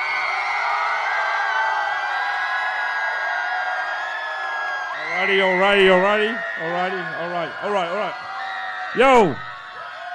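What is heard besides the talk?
crowd cheering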